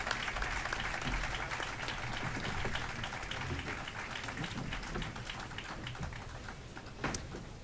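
An audience claps steadily, a dense patter of many hands at a constant level for several seconds, with a brief louder burst near the end.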